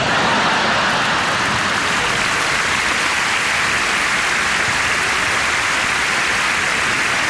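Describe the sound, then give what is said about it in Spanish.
An audience applauding, a dense, steady wash of many hands clapping that holds at an even level for the whole stretch, with no voices on top. “Ah, chicos, ¿están aplaudiendo muerte? ¿Puede ser?”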